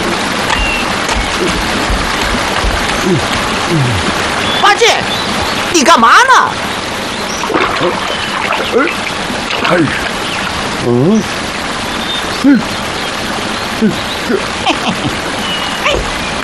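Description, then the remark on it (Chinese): A steady, hissing rush of water flowing in a big river runs throughout, with voices and brief splashy bursts rising over it at times. “哎呀，我怎么听见前面有水声啊？”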